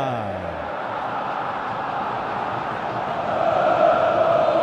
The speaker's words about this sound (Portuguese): a torcida corintiana vem junto no final do primeiro tempo, ouça!